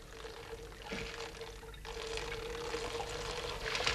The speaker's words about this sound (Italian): Ecco l'acqua. Bene, grazie. E ora versiamola sui sassolini.